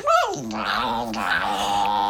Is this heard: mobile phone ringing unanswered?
no